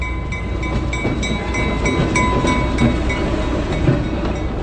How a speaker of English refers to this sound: Can smell the oil and the diesel burning. And I think the sounds are really what adds to it. It's like, especially like the clickety-clack of the rails and the horn and the dinging of the bell is what really makes it kind of come alive.